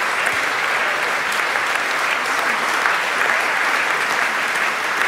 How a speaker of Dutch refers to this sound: Alle zangers zijn komen groeten en nu staat iedereen weer gezamenlijk op het podium om, ja, nog even met z'n allen dat applaus, dat enorme applaus in ontvangst te nemen hier live in de Carolus Borromeuskerk in Antwerpen.